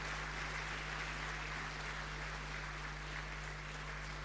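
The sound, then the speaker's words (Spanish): Sustained audience applause of gratitude for a nun, a dense steady wash of clapping lasting several seconds with a low electrical hum beneath it and no one speaking. “Le invito a que pase adelante y le vamos a dar un fuerte aplauso de gratitud a la madre Margarita.”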